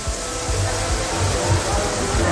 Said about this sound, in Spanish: El metro de Valencia, por ejemplo, sonaba así. Esto era captado por unos usuarios dentro del mismo metro. Escuchemos la cantidad de agua. Estación de Jesús del metro de Valencia.